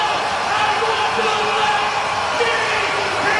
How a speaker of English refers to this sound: An amazing crowd for a Tuesday night. And they are loud here in Sioux Falls.